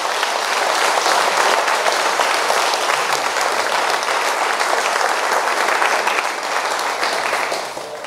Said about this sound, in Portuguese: Palmas para Jesus.